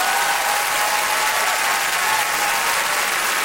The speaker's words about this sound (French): Qui gagne? Jacinthe G. Latour, qu'on applaudit.